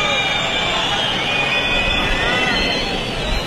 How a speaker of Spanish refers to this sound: Son los abucheos de los asistentes.